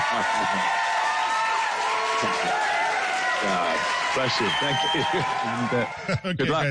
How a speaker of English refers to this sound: Hey, the guys here in the studio say, let's give that a big round of applause.